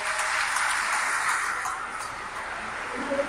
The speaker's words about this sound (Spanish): Allá, ¿de dónde, mijo? Saucillo, un aplauso a Saucillo.